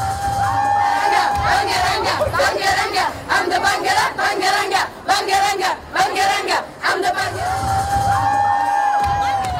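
A large crowd cheers and shouts loudly at Sofia airport in Bulgaria in the evening as a winning singer returns home, with rhythmic chanting bursts and a steady sustained tone, like a horn or whistle, weaving through the din. Voices overlap everywhere, dense.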